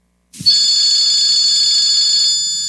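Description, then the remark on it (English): A telephone rings loudly, one bright, sustained electronic ring that starts abruptly and holds steady before slowly tapering off, with no voices. “Yeah, Stanwood, answer the phone.”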